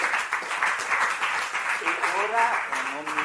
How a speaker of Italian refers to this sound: proporrei un applauso per Rosa. La salutiamo da Portofino.